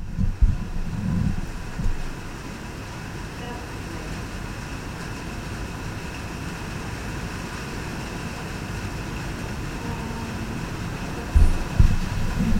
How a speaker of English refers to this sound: I don't know if you can hear the rain or not. Let's see if I pause this and turn this up.